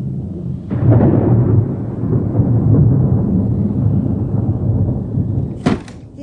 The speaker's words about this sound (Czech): No, chaloupka nízká, hrom do ní tříská. Boho, co já vím, tak do ní neuhodilo. 300 let.